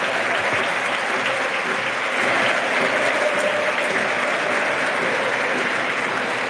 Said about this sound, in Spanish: Sí, mira, el más claro ejemplo y resumen del partido, ¿no?, es el aplauso de todo el Molinón por el derroche físico y compromiso.